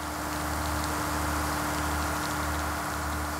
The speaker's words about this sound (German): Die erste Kameraeinstellung: Regen auf der Frontscheibe des fahrenden Autos.